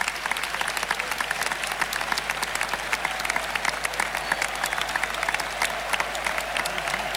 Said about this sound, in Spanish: Bueno, pues la verdad es que un gallo impresionante. ¡Ole! Y hace que el público rompa en esta sonora ovación.